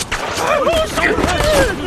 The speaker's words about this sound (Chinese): 听枪声，他们人少